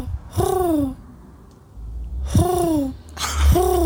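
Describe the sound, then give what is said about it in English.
A birdsong collaborator imitates a bird with three voiced, hooting calls, each rising then sliding down in pitch. The first stands alone, and the next two come in quick succession, each starting with a breathy burst. “Okay, can you guess your decoding birdsong collaborator pretending to be a bird?”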